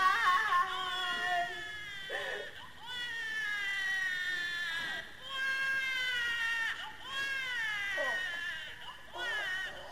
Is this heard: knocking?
no